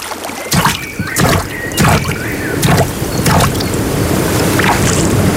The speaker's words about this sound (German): Hier im Wasser klingt Bayern anders. Hör hin.